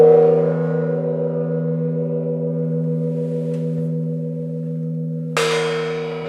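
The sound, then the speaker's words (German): An original Asian gong, kept in a house's so-called Asian cabinet room, is struck and rings out with a deep, sustained shimmering tone that slowly decays, then a second strike near the end brings a bright new burst over the lingering hum. “Hier zum Beispiel der Original-Gong.”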